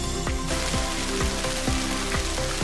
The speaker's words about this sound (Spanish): Las previsiones se cumplieron y este sonido, el del granizo, ha sido protagonista el fin de semana. Los 71 litros registrados la pasada tarde, así caían en Castellfort.